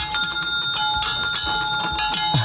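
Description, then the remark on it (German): An original 1950s fire engine bell on a nostalgic carousel rings continuously with rapid, steady strikes, its bright overtones sustaining throughout, loud with no voices. “mit der Original-Feuerwehr-Auto-Klingel von aus den 50er Jahren.”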